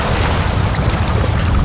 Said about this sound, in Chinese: 很快冰冷的海水上涨，即将淹没珠池，得赶紧离开。